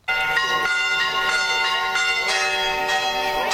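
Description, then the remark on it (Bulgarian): Church bells in Sozopol ring out in a loud, continuous peal announcing the feast day of the birth of Saint John the Baptist, overlapping strikes layering bright metallic tones with long ringing decay, no voices present. “Камбанен звън извести празничния ден, в който отбелязваме рождението на Свети Йоан Кръстител.”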